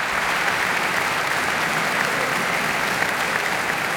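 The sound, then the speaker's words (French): A concert audience at the Auditorium de Radio France applauds steadily after pianist Beatrice Rana's live afternoon performance of Ravel's Gaspard de la Nuit, a dense, even wash of clapping that stays loud and unbroken throughout, with no voices standing out. “La musicienne profite de l'acclamation du public pour se replacer et se concentrer avant d'entamer déjà la dernière œuvre du programme, tout aussi virtuose et ambivalente.”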